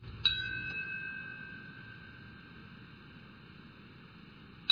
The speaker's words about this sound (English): It's the 25th anniversary of the 9/11 attacks. In Lower Manhattan, a bell ringing earlier this morning.